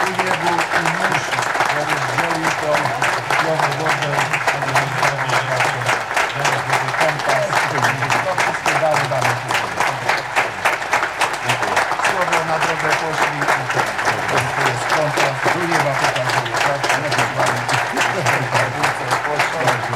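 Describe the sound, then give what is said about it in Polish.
A large crowd applauds steadily and loudly for the whole stretch, a dense, continuous patter of many hands clapping with faint voices murmuring underneath, applauding Father Professor Wojciech Węgrzyniak, retreat preacher of the 44th Tarnów walking pilgrimage. “I podziękujmy Panu Bogu brawami, że go wyciągnęli spod tego wozu.”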